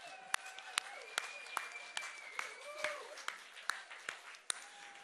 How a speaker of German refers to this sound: Also bleibt unbedingt hier unten und ihr seid richtig geil. Also einmal Applaus für euch. Ihr seid der Hammer.